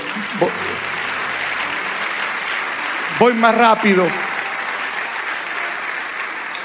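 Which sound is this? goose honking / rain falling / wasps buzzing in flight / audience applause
audience applause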